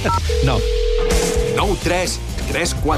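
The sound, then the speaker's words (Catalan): A telephone signal for an incoming call to a live broadcast's phone line sounds as a steady electronic tone lasting just over a second, heard clearly beneath continuous, overlapping talk from several people. “que m'ha entrat del telèfon, eh?”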